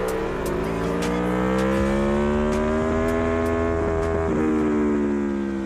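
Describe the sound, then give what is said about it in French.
A motorcycle engine pulls hard and steady, its pitch climbing and dipping slightly as it accelerates through bends, loud with rushing wind noise and no talking. “Là on accélère sur l'ombre.”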